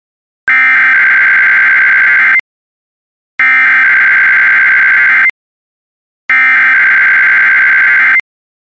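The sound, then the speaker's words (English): A test of the National Weather Service radio warning alarm: the tone blares in three loud, steady bursts of about two seconds each, separated by short silences, with no voices present. “You have just heard a test of the National Weather Service radio warning alarm feature.”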